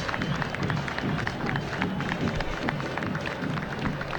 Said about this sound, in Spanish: Aplauso de la gente, el minuto de silencio.